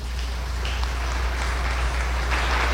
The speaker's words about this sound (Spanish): Un aplauso para el Táchira.